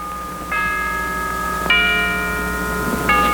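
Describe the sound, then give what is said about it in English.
A church bell tolls three times at a slow, steady pace, each strike ringing out and lingering so the tones overlap. No one speaks; the bell sounds clear and moderately loud. “Hear the church bell, don't you, Grandfather?”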